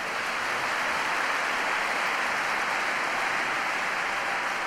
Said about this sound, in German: Majestätisch, Applaus für die Löwen.